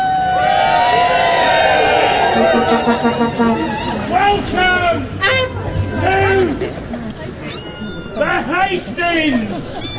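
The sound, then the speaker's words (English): A lively outdoor crowd at a Jack in the Green street festival chatters loudly throughout, many voices overlapping, with occasional shouts and calls rising above the steady babble, as green smoke from a flare envelops the crowd. “Green smoke from a flare escapes through the letterbox and envelops the crowd as the atmosphere intensifies.”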